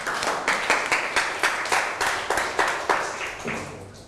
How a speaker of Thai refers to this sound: เก่งมากครับทุกกลุ่มปรบมือให้ตัวเอง